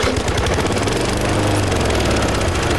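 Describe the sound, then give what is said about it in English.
An old lawn mower being pushed around a yard runs steadily and loudly, a rough, rattling drone with a low pulsing chug that holds constant throughout, no voices present. “Still pushing that old mower around the yard.”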